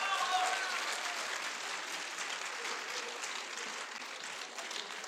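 Steady audience applause, a dense wash of many hands clapping at a fairly even loudness throughout, tapering only slightly near the end.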